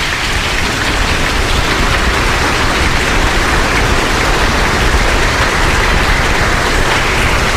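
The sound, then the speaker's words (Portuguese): A parish audience applauds to welcome the parish's children and adolescents missionary group, with dense, steady clapping that stays loud and even for several seconds, with no voices over it. “Isso, vamos acolher nosso grupo da infância adolescente missionária da nossa paróquia com uma grande salva de palmas.”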